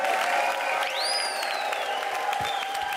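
A crowd applauds steadily with dense, even clapping at a pop-up concert held in a bicycle shop, and a shrill whistle rises sharply and then slides slowly downward over the noise.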